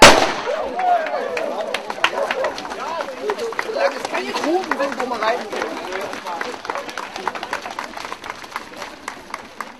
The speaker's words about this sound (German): Der junge Mann hier wird dann fachgerecht mit der Pistole zeitgleich mit Höhenstedt den 5-Kilometer-Lauf den Start hier vollziehen. Achten Sie bitte auf den Knall und dann wünsche ich Ihnen recht viel Erfolg.